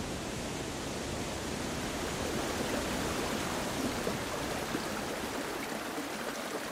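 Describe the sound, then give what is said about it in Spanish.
A mountain stream of meltwater from icicles and ice floes rushes steadily in Aigües Tortas y San Mauricio, a landscape of mountain lakes: a dense, even wash of flowing water with no pauses, voices or other sounds. “que son la suma de miles y miles de gotas que vienen de los carámbanos, de los témpanos de hielo.”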